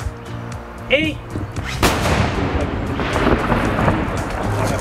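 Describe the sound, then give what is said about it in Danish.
A single heavy cannon shot from a salvaged cannon of an artillery ship that sank in 1943, fired at Bangsbo Fort in the hills south of Frederikshavn, booms out after a brief moment of faint voices, followed by a long, rolling rumble that echoes and lingers to the end. “Den historiske del af besøget sluttede i bakkerne syd for Frederikshavn på Bangsbo Fort, hvor de bjergede kanoner fra artilleriskibet Niels Juel, der sank i 1943, stadig er funktionsdygtige.”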